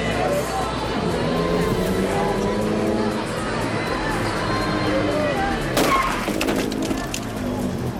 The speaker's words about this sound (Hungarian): Egy csattanás és minden megváltozik. Két autó karambolozott a Vásárhelyi Pál utcában az egyetemi csarnok mellett. Szerencsére nem valós helyzetről volt szó.